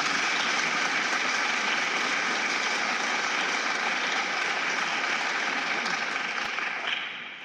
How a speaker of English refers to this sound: round of applause.